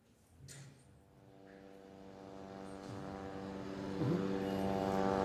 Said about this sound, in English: Well, let me start by stating the fact it's actually becoming part of the daily normal right now is the drone hovering in the background in around this area, several parts across the Gaza Strip, already causing panic and stressing people out here